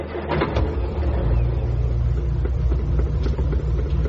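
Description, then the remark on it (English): A car engine turns over and settles into a loud, steady rumble, revving slightly as the vehicle pulls away to set off for home. No voices are heard. “They set off for home.”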